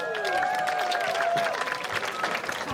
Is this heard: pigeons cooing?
no